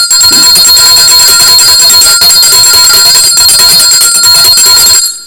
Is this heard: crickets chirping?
no